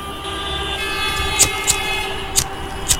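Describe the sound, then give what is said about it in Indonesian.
Congested road traffic in a slow-crawling traffic jam: a steady drone of idling engines with a low rumble, broken by four brief, sharp high-pitched bursts spaced a second or so apart. No one speaks. “Aduh, Pak, padat merayap nih.”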